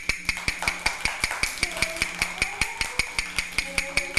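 Quick, evenly spaced taps of a hard stick or object struck over and over in a steady fast rhythm, about four or five per second, each crisp and sharp with no talking.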